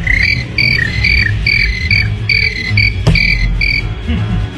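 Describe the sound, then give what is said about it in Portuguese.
Crickets, toads, tree frogs and frogs chirp in steady, rhythmic bursts, a fairly loud night chorus over a low rumbling background, with one sharp click partway through and no voices. “Sapo, grilo, perereque, rã.”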